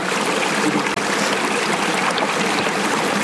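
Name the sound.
mineral spring water trickling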